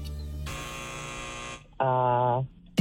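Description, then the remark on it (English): A harsh electronic quiz timer buzzer blares for about a second, pauses briefly, then sounds again in a lower, rounder tone, loud, with no talking over it. “Oh, and there's the timer.”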